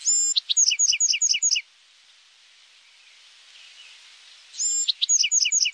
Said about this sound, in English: Each adult male Buick's Wren has his own set of songs.